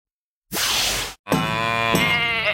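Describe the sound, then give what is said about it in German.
A sheep call: a brief breathy rush, then a loud, sustained, strongly voiced bleat lasting over a second, with no talking. “Schweinderl, was hast du mit der Kur, dem Schaf und dem Händel vor?”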